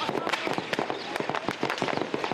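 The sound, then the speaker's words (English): Rapid, irregular bursts of sharp heavy gunfire cracks, dense and overlapping, popping continuously at a steady loudness with no pauses, at night across two cities during a military coup attempt. “When darkness fell, the rumbling of the tanks, cracking of heavy gunfire, and sound of low-flying fighter jets setting off sonic booms reverberated across the two cities.”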